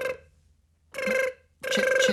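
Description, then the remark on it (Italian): A telephone rings for an incoming call from the Museo di Scienze on the Rai Radio Kids programme Big Bang: bright, buzzy electronic tones repeat in short bursts separated by brief silences. They ring steadily and fairly loudly, and no voices are heard. “è una chiamata dal Museo di Scienze.”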